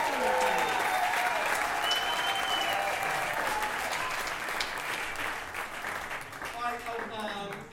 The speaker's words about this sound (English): Let's give a round of applause for Betsy Ross, your grand old flag.